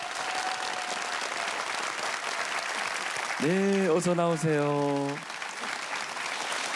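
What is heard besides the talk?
audience applause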